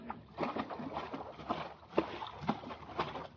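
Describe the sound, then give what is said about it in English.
A Bendix washing machine, switched on with a baby put inside for a bath, churning water, with rhythmic splashing sloshes surging about twice a second over a steady watery rumble, moderately loud and with no voices. “Here, we'll put him in the Bendix washer. All right, here goes. I'll throw the switch.”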